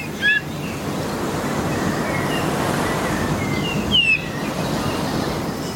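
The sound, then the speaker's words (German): Two short, clear whistled calls of an island bullfinch ring out over a steady roar of surf, one near the start and another around four seconds in, each slightly descending and plaintive, like a plover's piping. “Jedenfalls klingt der jetzt so ein bisschen wie so ein Sandregenpfeifer oder Richtung Kiebitzregenpfeifer, sowas. Also sehr ungewöhnlich und anders als unser Gimpel.”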